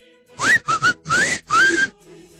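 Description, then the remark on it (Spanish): A woman attempting a whistling challenge whistles loudly in several short bursts, a few rising and gliding notes with breathy noise around them, with no talking over them. “Ese silbido no lo tiene ni mi abuelito.”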